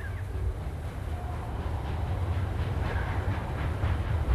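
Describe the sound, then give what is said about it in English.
A train rumbles steadily along the tracks as it puffs up a mountain, a deep continuous chugging with faint rhythmic clatter and a soft high whine, growing slightly louder as it approaches, with no voices. “Far below, she sees the train puffing up the mountain, coming for her.”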